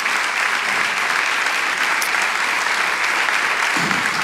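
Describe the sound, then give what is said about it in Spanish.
A church audience applauds Jesus during a sermon, dense clapping from many hands at a constant loud level for several seconds, with no one speaking over it. “Vamos, ¿cuántos pueden darle el aplauso a Jesús con todo el corazón?”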